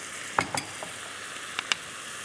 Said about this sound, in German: Ich gieße jetzt gerade noch meine Soße. Das kocht jetzt, guck mal, ist schön eingedeckt.